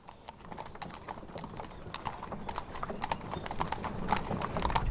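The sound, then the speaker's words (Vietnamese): Horse hooves clip-clop in a steady, busy rhythm, growing slightly louder toward the end as if approaching, with no voices over them. “Dừng ngựa.”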